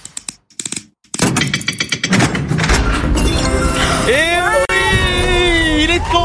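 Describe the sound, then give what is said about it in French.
A few sharp, heavy mechanical clunks and clicks of the locks of a large safe releasing, quickly swamped by a loud, dense burst of noise with bright rising tones sweeping upward. “On écoute les verrous.”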